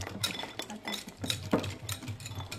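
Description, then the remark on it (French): Rapid metallic clinks of a whisk against a bowl as chocolate is mixed for a brownie, repeating in an uneven stirring rhythm, fairly quiet, with a low steady hum underneath and no talking. “Là, je suis en train de mélanger le chocolat.”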